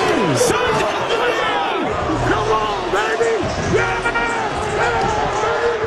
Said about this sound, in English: And listen to the crowd not cheer. That's so good.